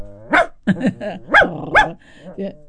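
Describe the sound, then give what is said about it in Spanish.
A person imitates a dog barking with wheezy, breathy, asthmatic-sounding yaps, about five or six rough bursts in quick, uneven succession. “Cuando los perros están con pasos. Me salen los ladridos muy bien, Como estuvieran con asma.”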